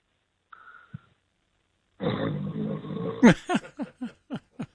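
Snoring from a caller in Cleveland who dozed off comes over a phone line: a brief faint tone, then a long, loud rasping breath followed by a quick run of six short, rhythmic snorts.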